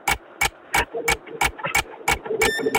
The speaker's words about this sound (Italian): ci dice l'ora, ci dice l'ora. L'orologio, sì